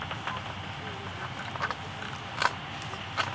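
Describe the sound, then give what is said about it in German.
A few short, rasping zipper-like buzzes of a bat catching an insect stand out over a steady hiss, the loudest burst coming midway and a softer one near the end. “Wenn man jetzt hinhört, dann hört es manchmal sich so an wie so ein Reißverschluss, der zugemacht wird. So ritsch, ritsch. Und das ist immer dann, wenn die Fledermaus ein Insekt fängt.”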